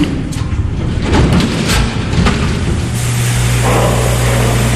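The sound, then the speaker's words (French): A strong jet of water sprays continuously as bears are hosed down, with a loud, rushing hiss and occasional splashing thuds, joined partway through by a steady low motor hum. “Kim Manou leur fait prendre une douche au jet d'eau”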